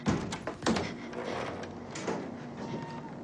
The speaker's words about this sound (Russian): Вдвоем девушки осторожно открывают окно.